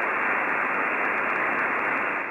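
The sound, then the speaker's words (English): Steady, loud radio static hisses continuously with no voice or music breaking through, from a receiver tuned to the frequency of a local radio station that has gone off air, holding an even level throughout. “Go to the dial, try to listen to those two radio stations. It's nothing but static.”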